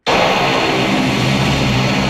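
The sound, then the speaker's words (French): An airplane taking off from Billy Bishop airport on the lakeshore in Toronto, its jet engines a loud, steady roar that bursts in at the start and holds without easing. No voices are heard. “Les avions ne seront pas pour l'instant plus nombreux à décoller depuis le bord du lac à Toronto.”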